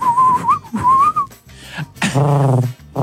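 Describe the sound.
A person whistles an imitation of a pigeon call: two close, clear whistled phrases with a rising upturn, followed by a lower, breathy cooing-like vocal hoot.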